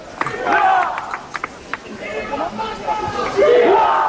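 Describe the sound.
A crowd of many people wearing hats and caps and carrying yellow flags shouts and cheers at once in the city centre, with rising and falling yells layered over a dense, steady roar of noise that swells louder toward the end.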